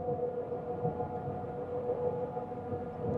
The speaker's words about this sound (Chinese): 可以看到我和螺旋桨转速是越来越快